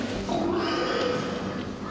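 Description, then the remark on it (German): A pig grunts and squeals continuously for about two seconds, loud, with a strained, high-pitched edge running through the rough grunts. “Wenn es für eine kurze Zeitspanne ist, produzieren die Tiere Grunzlaute.”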